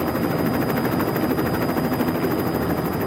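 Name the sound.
helicopter flying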